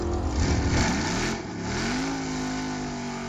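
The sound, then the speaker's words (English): A car engine revs hard, rising and falling in pitch over about three seconds, loud, then settles into a steadier, slightly lower drone. “he's revving for you, ladies and gentlemen.”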